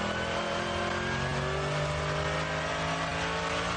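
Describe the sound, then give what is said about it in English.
A racing car's engine roars steadily for a few seconds in light fog, a loud, buzzing mid-pitched drone with rising and falling harmonics. No one speaks. “Car off to the right there.”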